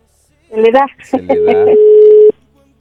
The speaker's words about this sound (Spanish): A ver, ahí está. ¿Sonando? Sí, a ver si. Sonando, está el teléfono.